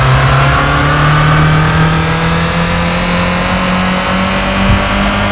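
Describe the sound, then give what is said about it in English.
A car engine in a video game revs steadily and loudly, held in first gear, its tone climbing gradually over several seconds, with a constant mid-pitched drone and a slightly synthetic quality; no one speaks. “Second clue was the audio of the car in the game.”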